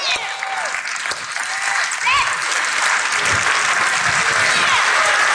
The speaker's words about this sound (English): He sat there and he just did like this, slow claps. He said, man, I'm so proud of you.